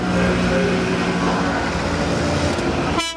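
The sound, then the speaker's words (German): About 40 Piaggio Ape three-wheelers drive in a convoy with police escort through Augsburg: their small motor engines rattle and buzz steadily while horns toot over them in sustained tones, all loud and continuous, before the sound cuts to a brief sharper burst at the end. “Da knattern sie laut hupend durch die Stadt, 40 Apen im Konvoi mit Polizeischutz.”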